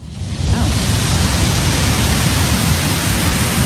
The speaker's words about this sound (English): Distant ocean waves. I can listen to that for the rest of my life.